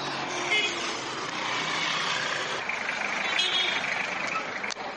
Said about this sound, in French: Nous sommes dans les premières heures de la matinée. Véhicules, motos et même camions vont et viennent.